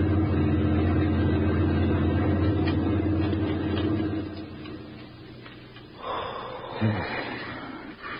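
army lorry rumbling past

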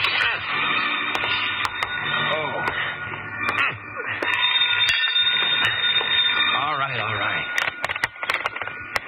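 telephone ringing

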